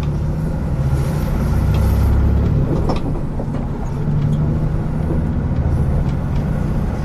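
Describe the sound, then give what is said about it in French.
A steady low engine rumble of a bus travelling along the road from the Pointe des Poulains to Le Palais, with a continuous drone and occasional faint rattles and clicks over its seven seconds. “De cette Pointe des Poulains où nous sommes arrivés depuis Sauzon en longeant la côte, nous allons reprendre le bus pour rejoindre le palais.”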